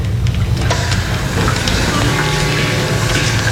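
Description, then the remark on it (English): Steady hiss of shower water spraying without pause while a man showers, with faint patters and splashes scattered through the constant rush. No voices are heard. “We made this recording of him in the shower that'll help...”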